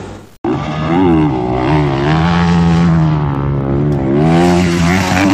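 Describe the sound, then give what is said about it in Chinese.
A loud engine drones steadily, its pitch rising and falling in smooth sweeps as a motorcycle is revved and throttled along in a rally race in Xinjiang, China, with no one speaking. “骑上摩托车，耳边就剩心跳和发动机的声音。”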